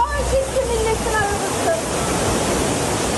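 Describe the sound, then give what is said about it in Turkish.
Loud, steady roar of rushing floodwater in Karasu, Sakarya, after heavy rain of over 100 kg per square metre in 5 hours, sweeping away parked vehicles; a dense continuous wash of churning water with faint muffled voices briefly audible underneath near the start. “Karasu'da park halindeki araçlar suda sürüklendi.”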